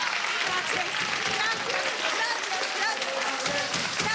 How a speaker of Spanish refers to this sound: Un aplauso para esta madre, por favor, un aplauso.